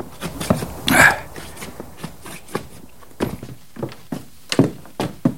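Feet stamp heavily and repeatedly on packed snow before going into a cabin, a dozen or so dull, crunchy thuds in an uneven rhythm, with one louder scuffing stomp early on and no talking.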